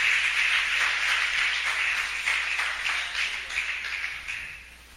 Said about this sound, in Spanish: Dele un aplauso al Señor por los hermanos del Tamarindo que vienen a orar aquí. Al Señor, déselo.